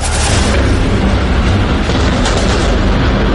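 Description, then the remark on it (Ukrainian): Explosions during a massed Ukrainian drone attack on the port of Novorossiysk on the night of 12 August, as mobile fire groups try to repel it: a dense, loud, continuous roar with deep rumbling booms and crackling bursts layered through it, with no pause for the full few seconds and no voices. “У порту Новоросійська мобільні вогневі групи намагаються відбити масовану атаку українських дронів.”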